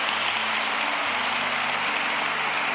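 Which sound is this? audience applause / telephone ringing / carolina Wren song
audience applause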